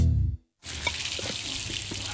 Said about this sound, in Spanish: Oye, ¿estás tomando agua de la llave? Claro. ¿Sabías que Chile es uno de los dos países de Latinoamérica donde es seguro y saludable tomar agua de la llave?